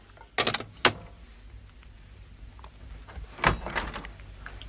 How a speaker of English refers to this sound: I'd no sooner picked up the phone when there was a knock at the door.